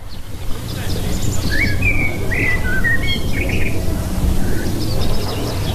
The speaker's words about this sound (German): Vogelgesang ist ein kleines Wundermittel gegen Alltagsstress. Wer nur schon eine halbe Stunde den Vögel zulässt, fühlt sich nachher glücklicher und entspannter. Das zeigt eine Studie von der Universität im süddeutschen Tübingen.